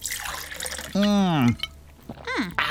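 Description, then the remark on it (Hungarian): Someone drinks fresh water: a brief wet, splashy rush of liquid, then a long satisfied vocal "ahh" and another short sigh-like exclamation after the swallow. “Áj, de finom, friss víz.”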